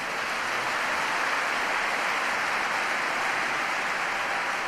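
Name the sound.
audience applause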